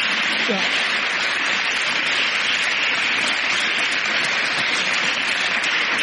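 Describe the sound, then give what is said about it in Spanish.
An audience applauds two people who share the same birthday, 2 April, in a dense, steady wash of clapping that holds at an even, fairly loud level for about six seconds, with faint voices mixed in. “Muy bien, vamos a dar un aplauso.”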